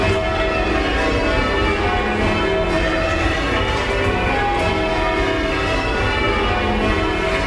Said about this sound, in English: In the ringing chamber, you can't see any of the bells. They are all in the room above where the ringers stand. What you can see is 8 ropes that dangle down from the ceiling, which are attached to the 8 bells above in the bell chamber.